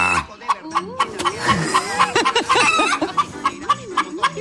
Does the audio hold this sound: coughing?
no